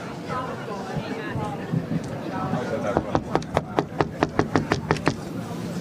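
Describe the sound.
A fast series of about a dozen sharp, loud knocks on a heavy red wooden door to a jury's room, following a stretch of background chatter and murmuring voices.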